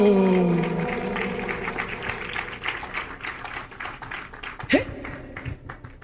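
An audience breaks into steady, dense applause that follows a fading sustained vocal tone and carries on for several seconds at moderate loudness, with one louder thud near the end.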